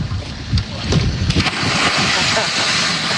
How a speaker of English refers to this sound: he kind of belly flopped, I think, because he really did not want to dive into the murky water, which I respect.